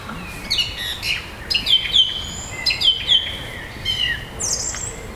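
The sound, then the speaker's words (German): A thrush sings a varied, fluting song of clear whistled phrases and rapid trills, repeated in short bursts with brief pauses, moderately loud over faint background hiss. “Genau, es ist nämlich eine Drossel.”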